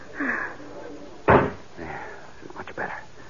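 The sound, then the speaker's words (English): A door opens onto a terrace with a single solid clunk midway through, between brief stretches of quiet talking before and after it. “Here, this door opens onto it.”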